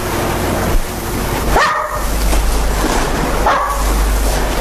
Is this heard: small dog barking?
yes